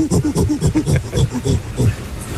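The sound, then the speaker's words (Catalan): A man's voice imitates a gorilla with a fast, steady run of deep, throaty hoots and grunts, about a dozen rhythmic bursts filling the whole moment at a loud, even level. “Apa, tenim el goril·la també”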